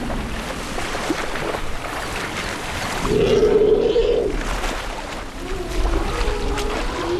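Heavy sloshing and splashing of swamp water as elephants wade through a swamp in the Okavango Delta, plucking grass tufts with their trunks, with a low, drawn-out moaning call rising briefly in the middle of the steady watery churn.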